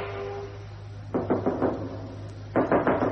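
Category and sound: household object, knocking on a door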